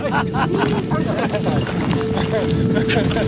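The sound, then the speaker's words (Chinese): Horse hooves clip-clop in a quick, uneven rhythm as a group of old hands take on spirited horses in traditional horse taming, steady and fairly loud, with a busy wash of voices and noise running underneath throughout. “看着这群老伙计们与烈马交锋”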